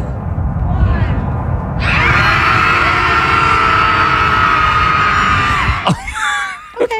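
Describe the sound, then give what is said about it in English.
Many voices scream together in one sustained, loud burst lasting several seconds, rising out of a noisy crowd murmur, then break off abruptly into scattered shouts and chatter. “Is it just a sound effect of people screaming? No, this is them screaming.”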